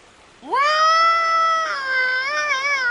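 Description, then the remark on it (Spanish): A human voice imitates a bellowing moose to try to call one: a single long, drawn-out nasal call that swoops up at the start, then holds and wavers for a couple of seconds, loud and alone. “Veamos si berreando como un alce, podemos llamarlo.”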